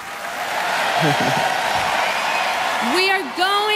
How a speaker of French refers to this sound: Voilà, on est tous unis par la musique, bien entendu. Et ça s'applaudit car c'est vrai que c'est une belle unité autour de la musique.